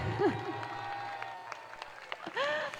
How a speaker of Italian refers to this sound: E poi grazie anche a tutti voi, se hai sentito il calore con questo applauso, ma ne facciamo un altro, è anche più forte.